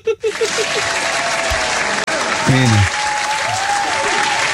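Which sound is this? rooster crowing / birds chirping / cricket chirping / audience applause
audience applause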